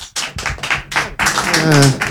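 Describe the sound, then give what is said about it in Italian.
Sparse, half-hearted clapping from the Radio Popolare audience: a handful of scattered claps in uneven bursts, then a voice starts talking loudly over the fading applause. “Vi ringraziamo per questo applauso davvero tiepido.”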